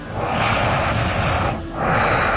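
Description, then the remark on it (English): Heavy, noisy breathing through the nose during sleep: a long, loud airy inhale with a faint whistling tone, a brief pause, then another rush of breath. No voices. “That's all nose. Some heavy nose breathing.”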